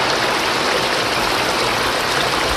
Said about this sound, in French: Regardez, il y a un cours d'eau là, monsieur.